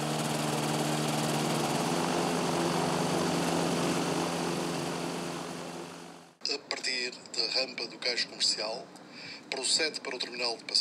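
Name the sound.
engine starting up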